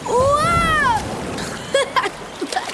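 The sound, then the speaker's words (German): An ocean wave surges and crashes in a loud wash of water lasting about a second, while a voice lets out a rising and falling exclamation over it, followed by a few small splashes. “Boah, was für eine Welle.”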